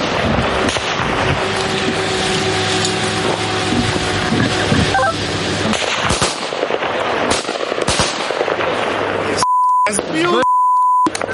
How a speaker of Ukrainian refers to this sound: Та вже за лічені хвилини у нас над головами дзищить ворожий FPV. Весь екіпаж береться за зброю.